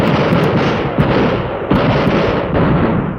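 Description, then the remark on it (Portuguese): A dense, loud barrage of gunshots rings out with no pauses in a radio drama scene where a policeman is arresting a man. A harsh roaring crackle is broken by sharper bangs roughly every second, with no voices over it. “Lá vai fogo, policial.”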